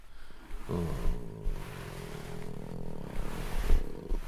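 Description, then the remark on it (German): A contented male cat purrs steadily while being stroked, a low continuous rumbling hum with a gentle pulsing rhythm that carries on for several seconds without any voices. “Es gibt nichts Entspannenderes als das Schnurren einer zufriedenen Katze.”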